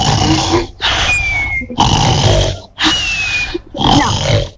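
Loud, raspy recorded snoring in a fast, steady rhythm, about five harsh rattling breaths in quick succession with short gaps between them, with no talking.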